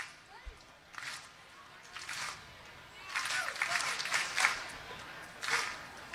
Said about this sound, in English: Some rhythmic applause by Indians fans.